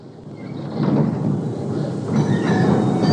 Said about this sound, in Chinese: 新京街道的有轨电车上，车上的人不多，廖飞坐在车里在等待着和卓越接头。车外下着雨，看不清外面的景致。